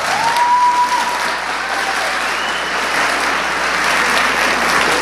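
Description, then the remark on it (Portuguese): A crowd claps steadily throughout, a dense, continuous wash of applause at moderate loudness with no voices standing out above it. “Você não consegue viver isso, por isso que metade não aplaudiu.”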